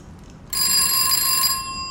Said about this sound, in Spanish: Tranquilo, es el teléfono fijo. Yo contesto.